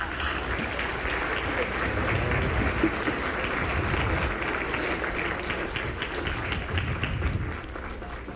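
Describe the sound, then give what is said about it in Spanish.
A large audience applauds an orchestra steadily after a work by composer Nikolai Andreyevich Rimsky-Korsakov, a dense wash of many hands clapping at once, sustained and fairly loud from start to finish without pause or voices rising above it. “Fuerte aplauso a la orquesta.”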